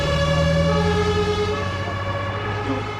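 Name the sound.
ambulance siren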